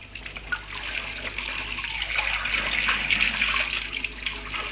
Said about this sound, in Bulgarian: Я си вдигни краката, за да не се измократ. После пускаме повече вода.